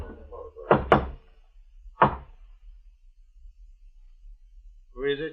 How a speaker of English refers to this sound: As we approached, I could see the outline of a door. We stopped in front of it, and the blind man knocked.